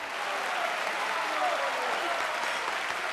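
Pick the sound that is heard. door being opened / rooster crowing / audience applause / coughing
audience applause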